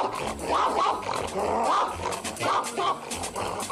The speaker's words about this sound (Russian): Брызжа слюной, боксер лает на быстро идущие ноги.